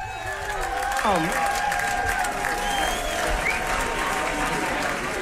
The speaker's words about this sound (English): Well, as you can hear, that is a very appreciative crowd applauding